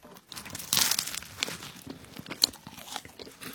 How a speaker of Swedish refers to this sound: Förutom det här ljudet av mig när jag smaskar in en croissant med choklad i